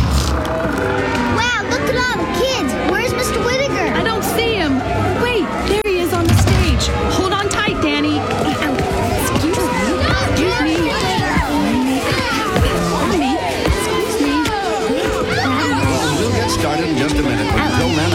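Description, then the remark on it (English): A dense, steady hubbub of about 100 people gathered for a talent show, many overlapping voices with children's shrieks and laughter rising out of the babble, loud and continuous throughout with no single voice standing out. “This is some crowd. Oh, you're telling me. There must be 100 people here.”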